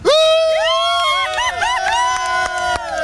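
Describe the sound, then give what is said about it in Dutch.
Many enthusiastic spectators in the stands cheer loudly and continuously, a dense wash of high-pitched shouts and whoops overlapping one another, with a few sharp claps or bangs cutting through. “Ja, dat gejuich wil ik nog wel een keer horen.”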